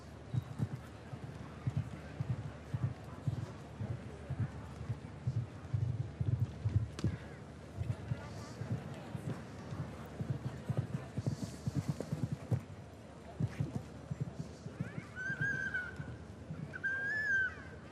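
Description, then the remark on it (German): Horse hooves clip-clop in a steady, rhythmic run of low thuds as a horse by Quintero out of a Conair mare, ridden by a man, jumps a show jumping course, with faint background murmur and a brief high tonal cry near the end. “Beim Springen ist sowieso gut, wenn die Nase so ein bisschen oben ist, die Ohren gespitzt, das wachsame Auge.”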